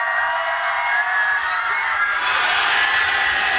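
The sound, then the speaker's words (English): A large crowd of golf fans at the rain-soaked Travelers Championship outside Hartford cheers and roars steadily as people dive into gigantic puddles, with scattered whoops and shouts rising out of a dense wash of outdoor noise, continuous throughout. “Rain-soaked yesterday, although the fans still partied on, cheering those diving into gigantic puddles.”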